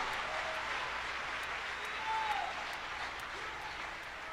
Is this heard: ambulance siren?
no